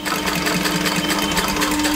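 A very old sewing machine runs steadily, its fast, even mechanical clatter and whirring hum continuing without a break, as a doll's leg is sewn back onto its body in the basement of a workshop. No one speaks.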